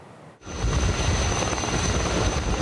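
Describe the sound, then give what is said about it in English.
A loud firefighting helicopter loaded with water, battling a wildfire northwest of Athens, Greece, roars steadily, its rotor and engine noise filling the sound after a brief quiet opening, with no voices. “Helicopters loaded with water raced to contain a wildfire northwest of Athens for a fourth day on Monday, August 3rd, after strong and erratic winds helped to devastate homes, pine forests, and thousands of hectares of farmland,”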